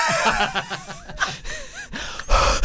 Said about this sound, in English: Okay, it's like you're much nearer to me. You can really hear our breath.